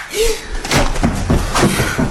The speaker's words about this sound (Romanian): Am auzit o împușcătură. Nu, idiotule. De data asta a fost o palmă.